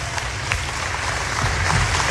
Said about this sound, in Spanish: aplauso a Tito Gómez. Vamos, fuerte aplauso.